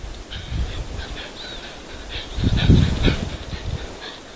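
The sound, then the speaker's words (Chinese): A female snow leopard pants as she passes an infrared camera on the Xiaocaogang mountain ridge in Dayi, Chengdu, China, a series of rough, breathy huffs that swell and fade in an uneven rhythm, loudest near the middle, over a faint steady high-pitched hiss. “更为难得的是，红外相机还清晰记录下了母豹经过时的喘息声。”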